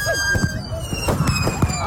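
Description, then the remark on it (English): Unsecured fireworks going off chaotically, several sharp bangs and crackles in quick succession amid whistling, squealing tones that rise and fall, loud throughout. “See, the thing is, though, people didn't secure the fireworks. Works property, and this is what happened.”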